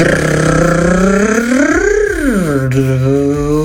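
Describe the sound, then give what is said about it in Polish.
A woman imitates the sound of her own car with her voice in a voice message, a steady buzzing drone that swoops up in pitch like a rev, then settles back down to a low hum. “Tak brzmi auto … w wykonaniu …”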